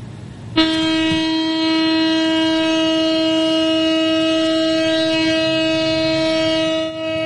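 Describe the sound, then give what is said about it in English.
A memorial air-raid siren in Tel Aviv, Israel, marking the third anniversary of the October 7th attacks, starts abruptly and holds one loud, steady, unwavering tone for about six seconds over a low background rumble, with no rise or fall in pitch and no voices. “In Tel Aviv, a siren marked the somber anniversary.”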